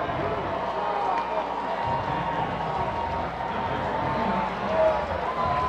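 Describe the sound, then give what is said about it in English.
A large baseball crowd roars steadily throughout, a dense wash of voices booing a batter hit by a pitch, then cheering as Cal Raleigh is set to bat with the bases loaded, holding at an even, loud level with a brief swell near the end. “Well, initially there was booing for the hit by pitch. And then a whole bunch of cheering as they realize that Raleigh will bat with the bases loaded.”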